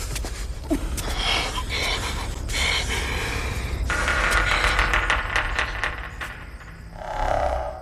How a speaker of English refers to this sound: Okay, so you can hear something is happening, labored breathing, tense scoring, but you're left listening for clues, trying to assemble a picture in your mind from the fragments.